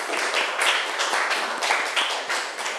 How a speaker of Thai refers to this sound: ค่ะขอบคุณค่ะปรบมือให้เพื่อนหน่อย